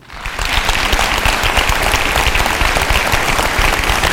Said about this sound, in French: Alors applaudissez celles et ceux parmi vous qui ont des enfants.